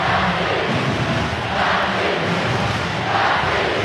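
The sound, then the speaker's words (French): A large crowd of spectators in a stadium shouts and roars loudly and continuously, a dense wall of voices that swells in two surges before easing slightly, with no single voice standing out. “À défaut de goodies, ils savent comment mettre l'ambiance avec une technique simple. Crier fort.”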